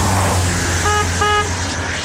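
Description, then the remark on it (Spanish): Two short car horn honks in quick succession, loud, over a steady low rumble of traffic and engine noise, in a promo for the radio station RTL, Radio Tropical Latina. “¡Vamos! ¡Toca la bocina!”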